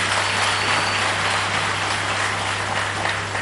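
A crowd in a hall applauds young people at the 12th edition of the Prémio Jovem Criativo awards, many hands clapping in a dense, even wash of noise at a constant loudness, with a faint low hum underneath and no voices.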